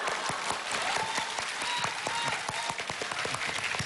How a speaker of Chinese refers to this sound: 谢谢。哎呀，谢谢谢谢谢谢大家掌声。哎，谢谢谢谢谢谢谢谢。